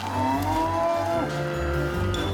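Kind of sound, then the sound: animal, calf mooing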